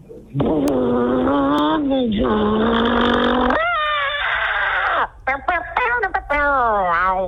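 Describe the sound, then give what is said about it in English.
A voice imitates a getaway car peeling away from a bank, with a sustained engine-like drone, then rising and falling revving whines and choppy bursts, loud throughout for about seven seconds. “It's a getaway car peeling away from the bank.”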